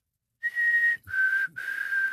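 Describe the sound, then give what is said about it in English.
A person whistles an imitation of a black-capped chickadee call: a clear, steady higher note followed by two slightly lower sustained notes, each about half a second, with brief breaks between. “My favorite walking around Edmonton's River Valley is the little delightful black-capped chickadee, which goes.”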